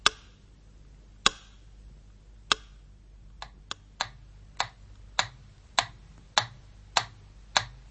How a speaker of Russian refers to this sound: Вот так стучал метроном в те редкие часы, когда в городе было спокойно.